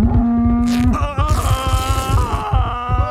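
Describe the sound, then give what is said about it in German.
A cow moos loudly and up close in one long, drawn-out low, its pitch bending as it goes, with a steady low rumbling thump running underneath. “wenn ich das richtig gesehen habe, dann hat die Kuh sie lediglich aufgeschlitzt.”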